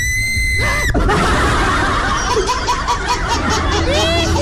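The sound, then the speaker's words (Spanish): After a brief tonal sweep, a group of women break into loud, sustained screaming and shrieking, mixed with excited laughter and crowd hubbub, continuous. “Chicas, un grito.”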